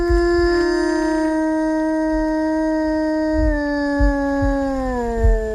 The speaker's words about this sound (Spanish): El aullido del lobo, el que escuchamos, un aullido real, un aullido llamando a su familia, a este lobo.